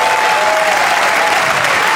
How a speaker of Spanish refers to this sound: Fuerte el aplauso al Rey de Reyes. ¡Oh, te alabamos!